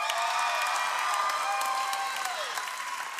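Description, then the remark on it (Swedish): Dense, steady applause from a crowd at Nyhem for team Såsen, winners of a dodgeball tournament, fills the whole stretch, bright and sustained, with a few faint whistles or whoops rising through the clapping. “Så stor applåd för inga mindre än lag Såsen!”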